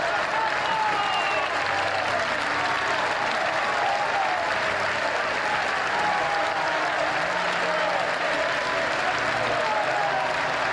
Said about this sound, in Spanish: Cuando el féretro hizo su aparición, el tiempo pareció detenerse. Un aplauso cerrado y estrenduoso que se prolongó por más de 6 minutos rompió el aire. No eran aplausos de lamento, sino de reverencia.